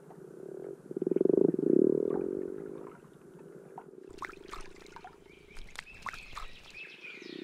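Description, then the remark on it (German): A chorus of common frogs gathered to spawn in a snowmelt-filled pond croaks and purrs in low, rumbling pulses, swelling loudly for a moment, then continuing more softly alongside scattered chirps and clicks. “Und wie jedes Jahr versammeln sich darin Grasfrösche, um abzuleichen.”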